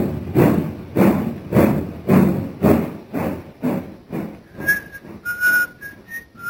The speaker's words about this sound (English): The train is already disappearing from the track.